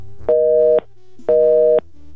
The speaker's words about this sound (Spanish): ¿Qué crees, mi amor? Suena ocupado el teléfono de tu mami. No sé si no tenga señal o esté ocupado el teléfono de tu mami.